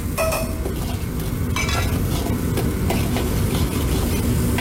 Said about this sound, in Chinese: 底料炒化之后下入剁好的豆瓣酱炒香，然后下入剁好的姜蒜末一起爆香。